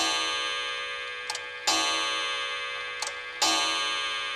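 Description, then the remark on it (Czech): A clock chimes in two double strikes, each pair of bright metallic tones ringing out and slowly fading into a sustained hum, with no voices. “Pak tloukla hodina za hodinou a madla plakala.”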